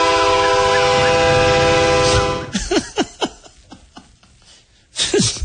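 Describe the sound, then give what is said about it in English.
A loud train whistle, blown by a man out his window, blares in one sustained, steady chord for about two seconds, then cuts off as a man begins speaking. “Can you imagine living next to a guy that blows a train whistle out his window because he thinks he needs 911?”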